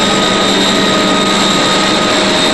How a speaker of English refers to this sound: The Duke used the Heron aircraft, in which he has made many flights.